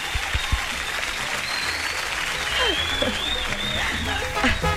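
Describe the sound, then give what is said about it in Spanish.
A crowd claps steadily for several seconds, a dense, continuous patter of applause with scattered voices and cheers rising faintly underneath. “¡Un aplauso, un aplauso! ¡Aplauso!”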